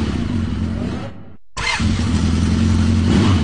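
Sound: motorcycle engine revving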